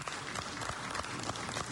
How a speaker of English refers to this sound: Thank you, please. You can do better. A round of applause.